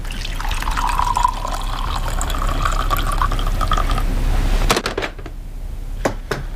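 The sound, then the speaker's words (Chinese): Water pours steadily into a cup while making tea, for about four seconds, its gurgling tone rising as the cup fills, then stops; a few soft drips and clinks follow. No one speaks. “我让你憋尿，你就给我加盐；让我沏茶，给你倒水。”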